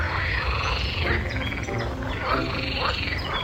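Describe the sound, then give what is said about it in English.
A dense chorus of toads croaking on lily pads in the distance, at the edge of a forest in Switzerland, many overlapping calls forming a continuous, steady racket with rhythmic pulsing croaks, fairly loud, no voices present. “If you hear a chorus of toads arguing on lily pads in the distance, you're in the right place.”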